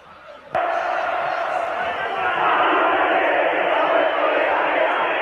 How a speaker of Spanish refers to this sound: Esos son los hinchas y los jugadores cantando.